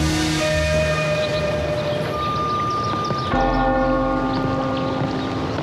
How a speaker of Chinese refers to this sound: 听这钟声不近啊。 李神医好耳力，这是一座古寺的钟声，离这儿大概两三个山头的距离。不过好在这附近清静，平日里我们就依着钟声作息。